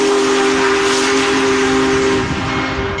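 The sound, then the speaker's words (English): The whistle of the world's largest operating steam locomotive, arriving in St. Louis, blows in one long, loud, steady blast with a hissing, breathy edge, sustained for several seconds before tapering slightly at the end. No one speaks. “Big Boy, the world's largest operating steam locomotive, chugged into St. Louis Saturday, and then today Union Station was one of the more than 50 whistle stops in 10 cities.”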